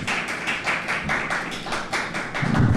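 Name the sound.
people applauding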